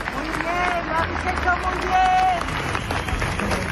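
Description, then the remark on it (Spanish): A large crowd at a memorial march claps steadily for several seconds in tribute to a woman who died after her eviction, a dense continuous patter of applause with scattered voices and a few high whistle-like calls rising above it; marchers also carried flowers, candles and lit phone lights. “Murió el miércoles, como les digo, y ayer esa marcha, que a ratos avanzó en un profundo silencio, quiso rendirle homenaje con flores, velas, con las luces de los móviles encendidas y con aplausos.”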